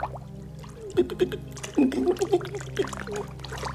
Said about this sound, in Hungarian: Yes, nem ér le a lábom. Kezd el lepni a víz.